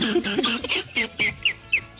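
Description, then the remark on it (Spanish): A chicken-clucking sound on a 99.3 FM radio show, in a quick run of short, choppy bursts, moderately loud, ending with a few higher, sharper squawk-like notes. “Ya le hace como pollo.”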